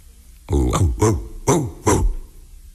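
Four deep, gruff barks in a steady rhythm, loud, apparently a person's voice imitating a big dog.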